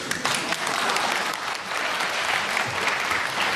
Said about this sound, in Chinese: 再睁眼，我是一个相声演员，站在台上说什么观众都鼓掌。